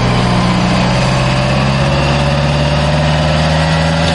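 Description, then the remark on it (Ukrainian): The engine of a 155-mm Paladin self-propelled howitzer, a heavy tracked vehicle of the 93rd Separate Mechanized Brigade, idles steadily as it takes up a firing position in the foggy Kostiantynivka direction: a constant low rumble with a droning harmonic hum that stays even throughout, with no voices present. “155-мм САУ «Паладін» займає вогневий рубіж.”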